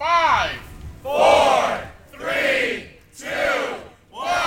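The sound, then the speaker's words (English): A crowd of staff and upperclassmen cheers in rhythmic bursts, four or five loud whooping surges about a second apart, energetic, with no clear speech, greeting arriving students on move-in day at the University of Portland. “As students arrived on campus for UP's move-in day, they were greeted with the full hoopla. Music, cheering staff and upperclassmen, and yes, a confetti cannon.”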